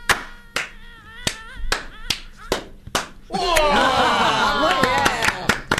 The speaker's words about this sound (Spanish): Un aplauso. Cada vez más desparramado. Matamos mosquitos. Qué aplauso disléxico.